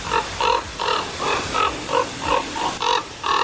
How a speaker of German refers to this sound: Ja, klingt nicht besonders schön. Mich stört das auch manchmal ein bisschen. Aber mein Vogel ist Vogel, ne? Und Natur ist Natur. Ich dachte jedenfalls, ganz klarer Fall, ist eine Saatkrähe. Und dann zeigte mir die App aber an, das ist der Kolkrabe.